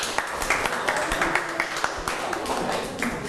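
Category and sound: crowd, group clapping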